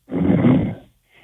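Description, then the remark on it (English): A man who has fallen asleep while on hold on a phone call snores once, a rough, rattling snort lasting under a second, muffled and thin as if over a telephone line, followed by a faint breath. “He's sleeping. You can hear him snoring in the I background, can.”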